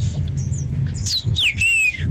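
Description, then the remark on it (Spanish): A bird squawks several times in quick succession, shrill descending calls sweeping down over a low rumbling background, loud. “ese que puso el pájaro.”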